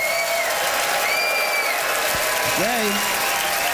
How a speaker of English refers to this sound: All right, it is up to you to vote, Ottawa, by applause,